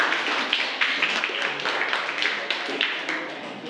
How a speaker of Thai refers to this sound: ถูกต้องทั้ง4ใบไหมคะถูกต้องปรบมือให้กับกลุ่มแรกค่ะขอบคุณค่ะ